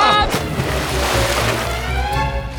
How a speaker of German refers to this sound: Kalle schlittert die Luke hinunter. Ach, nee. Arschbombe!